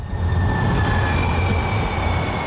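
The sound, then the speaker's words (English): A commuter train rolls past with a steady, loud low rumble and a thin high-pitched whine of metal running over it, with no voices. “The sounds of your commute may include shrieking brakes or a clacking train, but in San Francisco, one man turns that into music.”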